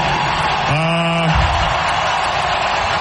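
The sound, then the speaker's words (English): A loud, dense ice hockey crowd roar cheering for player Brandon Bussy after a block runs throughout, one win from the Stanley Cup, with one sustained, low-pitched yell rising above it for about half a second before blending back into the cheering. “Yeah, I mean, the crowd loves Bussy, right, guys?”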